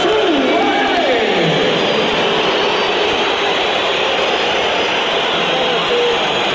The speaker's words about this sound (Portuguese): 71 minutos. Tensão em Alvalade. O Sporting esteve a ganhar por 3-0 e agora o resultado é de 3-2. Vamos ouvir novamente os assobios a Soares no momento da substituição de Apple.